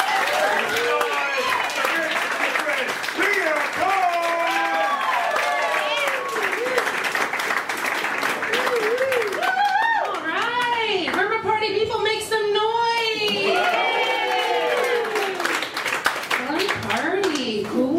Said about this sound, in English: With me going right now, start clapping.